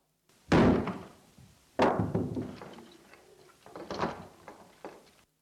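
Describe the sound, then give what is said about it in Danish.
Two heavy, hard hammer blows strike an SS-999 microphone about a second apart, each followed by rattling and clattering debris, then a few smaller knocks and scraping noises as pieces settle. “Denne giver jeg nu en ordentlig en med hammeren.”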